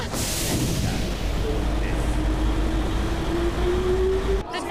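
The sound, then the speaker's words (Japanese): At Tokyo station in Japan, an out-of-service train pulls away from a platform after its doors close: a hiss at the start, then a steady low rumble as a motor whine rises in pitch while it gathers speed, loud. “はい、ドア閉まります、ドア閉まります。”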